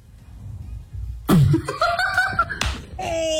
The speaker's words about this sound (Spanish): No, hombre, le puso una cachetadota. Lo escucharon, ¿verdad? Ahora, si la cachetada fuera al revés, sería igual de gracioso.